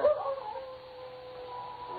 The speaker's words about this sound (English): Jules, is that a dog howling? Listen.